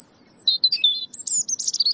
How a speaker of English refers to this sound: European robins in noisier environments tend to sing at night. The finding suggests that these robins experience nighttime as the best time to have their voice heard by potential mates and rivals after the day's hustle and bustle.